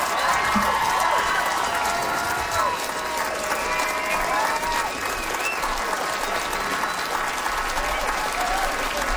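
Sustained audience applause after a comedian's stand-up set, a dense steady clatter of many hands clapping with faint whoops and crowd noise mixed in, loud and continuous throughout.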